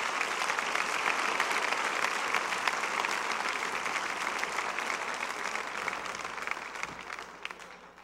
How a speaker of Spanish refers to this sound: Dale un aplauso al Señor y dales un aplauso a estos hombres de Dios.